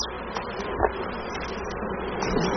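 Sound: honeybees buzzing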